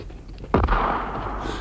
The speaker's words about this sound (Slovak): Zdá sa, že tu ozaj niekto strieľa a má odvahu vyrušiť slávneho učenca vtedy, keď je na sekretariáte svojich myšlienok. Tam je náš strelec.